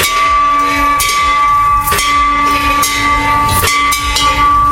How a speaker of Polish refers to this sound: Zwyczaj trzykrotnego uderzenia w dzwon po zakończeniu leczenia onkologicznego narodził się w Stanach Zjednoczonych w latach 90. minionego wieku i dziś stanowi element wsparcia psychologicznego pacjentów.